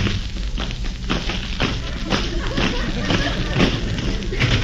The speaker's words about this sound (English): It is made of very thin rubber and filled with small pebbles. When shaken and held up to the microphone, it produces a loud explosive sound. Let me show you. Oh, my explosion.